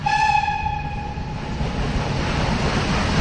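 A train rumbles past with a steady low roar of rolling wagons, a sustained horn tone sounding at the start and fading out. Loud, no voices.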